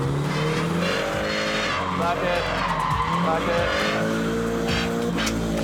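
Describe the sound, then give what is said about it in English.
A car drifts with its engine revving hard and tires skidding and squealing continuously, loud, while people talk over the noise. The car has no front bumper. “And clutch hammer it now.”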